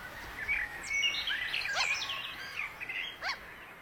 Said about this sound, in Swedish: Just nu så är det mest måsfåglarna som är och tar sig en nattmacka här. Vi har kanske 1 eller 2 plusgrader. Det är mycket kyligt. Ganska mörkt har vi också. Vi har 2 timmar till gryningen.